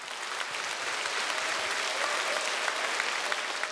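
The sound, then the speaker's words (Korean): An audience applauds steadily after a Korean court dance performance by the Busan National Gugak Center dance troupe, at a concert marking the 12th anniversary of Busan Gugak Broadcasting. A dense, even wash of many hands clapping at once, with no voices on top, holding at a constant level throughout. “네, 멋진 무대 선사해 주신 국립부산국악원 무용단 여러분께 다시 한번 뜨거운 박수 부탁드립니다.”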